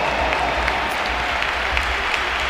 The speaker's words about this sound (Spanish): se marcha Vinicius Junior. Va a entrar Jan Diomandé. Se marcha el brasileño que, bueno, ha tenido un partido discreto, pero ha acabado haciendo un gol y un pedazo de asistencia y por eso le aplaude el Bernabéu también.